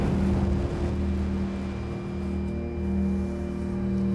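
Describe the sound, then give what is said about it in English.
A boat engine drones steadily, a low humming tone with a rumbling wash of noise around it, holding constant with no voices heard, as the boat is manoeuvred into position to be lifted. “Can we have somebody on the side of the boat?”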